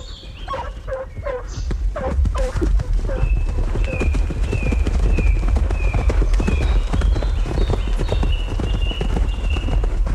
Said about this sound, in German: Auf Satan, seinem 3-jährigen Fuchs, prescht der Graf hinter den Bracken drein, über die Lichtung am Erlengrund, durch das Föhrenholz hinauf zum Eichenhain, wo er den Wilderer vermutet. Der Meute Geläut und Hufe Gedröhn schallt durch die Flur